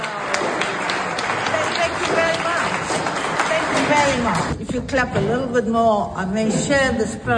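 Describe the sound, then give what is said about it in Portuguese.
A crowd at a summit on international law in Nuremberg applauds the 2026 Nobel Peace Prize laureate steadily with dense, crackling clapping for several seconds, then the clapping thins out as a voice begins speaking over it. “Foi a piada de Navi Pillay nesta que foi a primeira reação ao Nobel da Paz 2026 perante aplausos em Nuremberg”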